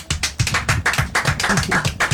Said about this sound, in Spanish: Héroes de Malvinas, ¿eh? Sí, orgullo argentino. Aplausos, aplausos.